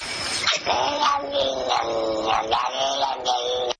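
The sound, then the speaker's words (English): A recording of a cat, played backwards, meows in a loud, continuous run of drawn-out, wavering yowls, with three or four meows blending together into one long, talky complaint. “This one on the cat says backwards, I need water.”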